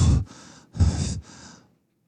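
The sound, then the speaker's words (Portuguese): Two heavy, effortful breaths of someone climbing, each a loud gasping inhale followed by a long breathy exhale, like someone panting from exertion. Nobody speaks. “você tem o áudio aí da inflação escalando?”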